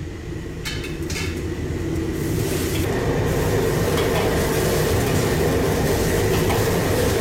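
Vigorous boiling water bubbles and churns steadily as cauliflower blanches for one minute in a pot of salted water over high heat, with vegetable oil added midway, a dense, continuous roar that builds slightly in the first couple of seconds and then holds loud, with no talking.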